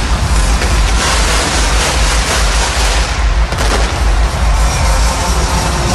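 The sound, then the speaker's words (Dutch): A dense, loud barrage of ceremonial cannon fire welcoming new Feyenoord football players as they step out of a helicopter, booms piling into a continuous roar with a sharper blast about halfway through; no one speaks. “Terwijl er nog maar wat kanonnen worden afgevuurd hier.”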